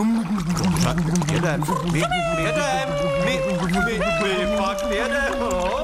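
Loud, continuous bubbling and gurgling as air is blown through a pig's elephant trunk dipped into water, used as a boat's water propulsion, with wavering, warbling tones riding over the churning splashy noise for several seconds.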